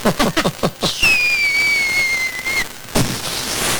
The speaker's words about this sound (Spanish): Ah, pues llegó el momento de que la prima me truene el chiflador.